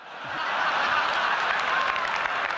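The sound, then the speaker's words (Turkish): A large audience at Apple's keynote unveiling the iPhone bursts into sustained applause mixed with cheering and screams, a dense roar of clapping that swells in the first half second and stays loud and steady throughout. “Salondaki o dini töreni andıran coşkuyu unutmam mümkün değil. Yetişkin erkeklerin öyle çığlıklar attığını başka hiçbir yerde duymadım.”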